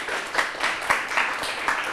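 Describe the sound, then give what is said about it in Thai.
A group of people clapping together in steady applause, a dense wash of overlapping claps with a few louder, sharper hits standing out, sustained throughout; applause for groups that each earned nine smiles. “กลุ่มที่3กับกลุ่มที่1สูสีกันมากมีทั้งหมด9ยิ้มเช่นเดียวกันปรบมือครับ”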